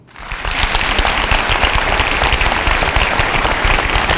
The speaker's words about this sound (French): Alors applaudissez celles et ceux parmi vous qui ont des enfants.